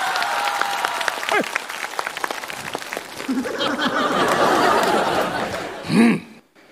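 An audience applauds steadily for several seconds during a stage sketch as a character is about to write calligraphy, with scattered laughter and voices mixed in. The clapping swells to a loud burst near the end before cutting off.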